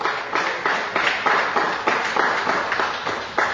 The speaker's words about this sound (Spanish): ¿Cuándo dicen amén? Amén? Dale un fuerte aplauso para Cristo con alegría.